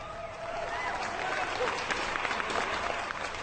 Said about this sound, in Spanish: Para los que trabajamos de lunes a viernes, para los que descansan entre semana, ese aplausote también bien fuerte, ánimo, ánimo.